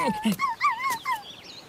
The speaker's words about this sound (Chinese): 啊，原来是只小狗， 正想吃狗肉呢，看我不抓住你！